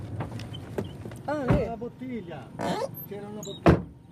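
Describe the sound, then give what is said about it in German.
Car doors open and thump shut as people get out of a car, a couple of sharp clunks standing out over voices talking. “wir steigen aus.”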